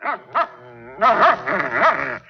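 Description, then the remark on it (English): A dog barks twice in short sharp yelps, then breaks into a run of frantic, overlapping barks and whines at a small rattlesnake it has cornered, fairly loud, with no talking. “Of all things, he's got a little rattler cornered. Ranger, come here, boy. Come on, get away from that snake.”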